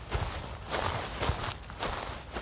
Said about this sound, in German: Für die zweite Probe gehen wir ein paar Schritte weiter. Hier ist die Vegetation deutlich höher. Zwischen den Rebzeilen wachsen Schachtelhalm, verschiedene Kleearten, Süßgräser und Schafgarbe.